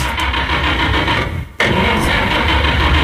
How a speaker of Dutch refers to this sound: En wie start aan de motor? Wat is hier aan de hand? Wat is hier aan de hand dan?